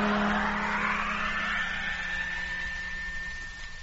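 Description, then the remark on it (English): A loud truck motor is started, roaring and revving upward, its whine climbing in pitch as the truck drives off, then holding a steady, rumbling drone. No voices are heard. “Motor on. And here we go.”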